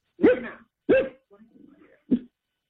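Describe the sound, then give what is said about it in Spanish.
A small dog barks three times at a caller's home during a phone call: two sharp yaps in quick succession, a brief pause with faint low murmuring, then one more short bark. “Un perrito consulta. ahí. Sí, ahorita ya está calmado.”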